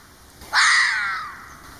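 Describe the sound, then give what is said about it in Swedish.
One harsh, raspy red fox call bursts out loudly and abruptly, then fades over roughly a second. No one speaks. “Så där låter den rev.”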